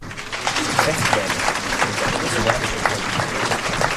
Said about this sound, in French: Applaudissements à la fin du film et questions pour le réalisateur par les élèves de seconde et de terminale.